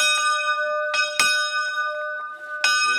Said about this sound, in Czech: Tak vezměte za tu opráť. A to musí srdíčko bouchnout i na druhou stranu.